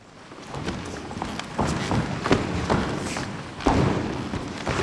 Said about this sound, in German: Warm-up auf dem knarzenden Holzboden der Aula in Sulzbach. Das Ensemble durchschreitet und durchstampft den Raum und erforscht so Schritt für Schritt die Möglichkeiten, die er auch akustisch bietet.